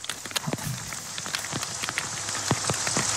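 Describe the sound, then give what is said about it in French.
Heavy hail pelts down in a dense, relentless patter of sharp impacts over a steady wash of water rushing along a road, loud, with no voices. “Ouais, c'est un torrent qui dévale. Hein. Torrent de grêle.”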